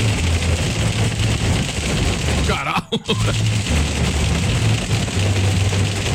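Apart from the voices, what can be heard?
hail falling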